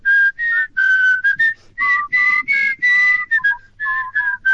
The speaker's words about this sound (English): In fact, I think I hear them whistling right now.